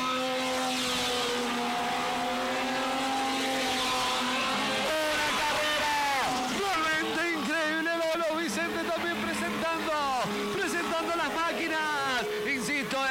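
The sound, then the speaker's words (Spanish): Race car engines build from a steady drone into a loud rush of several small coupé race cars roaring past one after another on a dirt track, kicking up dust as they complete the first lap, their pitch sweeping up and down, with voices faintly audible beneath. “Vamos a cumplir el primer giro. Ahí viene. Escuchen cómo rujan.”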